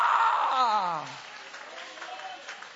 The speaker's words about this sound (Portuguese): Levanta a mão se você tem sido transformado pelo Senhor, joga a mão para cima aplaudindo o nome dele.